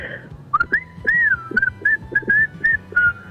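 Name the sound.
person whistling a tune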